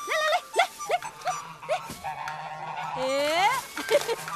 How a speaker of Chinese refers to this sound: 别跑！别跑！你越跑，这大笨鹅越欺负人。 这位女同志，鹅，你快把我赶开！